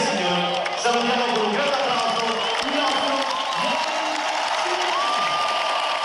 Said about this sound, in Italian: Ogni apparizione del numero uno del mondo scatena ovazioni, cori e applausi infiniti.